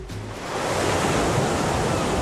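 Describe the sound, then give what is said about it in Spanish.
Ocean waves wash onto a beach in a steady, full roar of surf, swelling in over the first half second and then holding a dense, hissing rush with no voices. “Ay, de repente me creía que estaba en la playa Victoria. Yo he notado el agüita entre los dedos, los fingers.”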